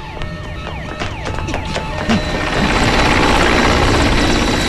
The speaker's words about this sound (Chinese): 直升机在空中盘旋着，紧紧跟着张雷小组在丛林狂奔。